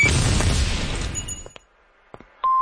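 A loud, rumbling fireworks boom fills the start and slowly fades, followed by a few scattered sharp pops and crackles in the quieter tail, with no voices.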